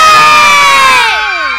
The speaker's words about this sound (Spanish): No sé, yo esto lo voy a valorar a ver quién grita más. Así que se escuche. ¡Los del B!